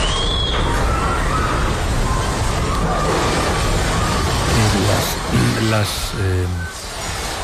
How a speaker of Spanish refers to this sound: Voy a recuperar un testimonio con el que abríamos el programa, que es tremendo, es el sonido de un terremoto.